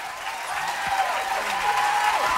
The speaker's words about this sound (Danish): Ja, fortjent bifald.